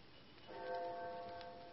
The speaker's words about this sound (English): I had no idea how long I worked until I heard the clock of St. Jude's in the distance.